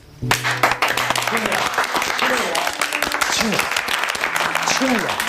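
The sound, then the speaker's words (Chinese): A burst of applause at a Communist Party representatives' meeting in Shanghai starts abruptly and keeps going steadily, a dense crackle of many hands clapping at once, with low murmuring voices mixed in underneath. “可以鼓掌，可以说话，声音一定要小。”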